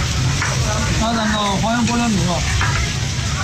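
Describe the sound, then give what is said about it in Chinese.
Meat slices sizzle steadily on a hot grill pan in a self-service barbecue restaurant in a shopping mall at the Convention and Exhibition Wuyue Plaza in Urumqi, a continuous crackling hiss, while people's voices chatter indistinctly in the background. “假日里，乌鲁木齐会展吴越广场人潮涌动，商场一家自助烤肉店内，烤盘上的肉片滋滋作响，香气浓郁，食客们大快朵颐，尽享美味。”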